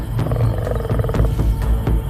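Lions roar at night in Botswana while waiting to attack an elephant calf, deep, rumbling growls, a loud low-pitched sound sustained through the whole two seconds with a few pulsing swells and no voices.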